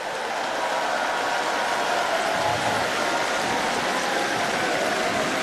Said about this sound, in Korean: 네, 여러분 박수 아끼지 마시고 네, 힘찬 박수 부탁드립니다.